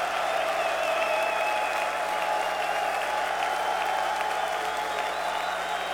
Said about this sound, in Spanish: Los hijos de Shaddai aplauden.